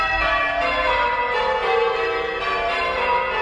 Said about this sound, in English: But in Bundaberg in Queensland, bell ringers made history as a set of six bells rang out for 3 hours. It's known as a full peal,